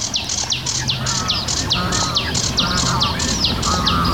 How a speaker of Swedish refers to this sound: Det låter som två fåglar, men det är sävsångaren som gör båda rösterna samtidigt.